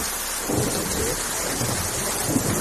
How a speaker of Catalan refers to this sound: Aquesta alerta taronja, perquè jo vinc de Catalunya i també estem afectats, van rebre un escat d'alarma i aquí pues, em sembla que està arribant ara la tempesta.